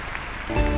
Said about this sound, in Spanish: Fuerte el aplauso.